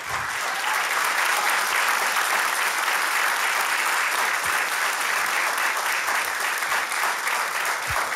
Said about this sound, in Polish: Wielkie brawa prosimy.